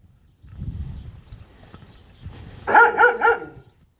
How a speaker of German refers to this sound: Ja, wachsame Hunde.